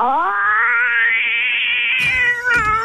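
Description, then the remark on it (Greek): A person imitates a cat in heat with a long, loud, wavering caterwaul that rises slowly in pitch, turning harsher and more strained near the end. “Γάτα σε ίστρο.”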